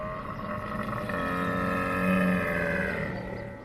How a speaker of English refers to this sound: Camel. This is a camel. Camel. What does a camel say?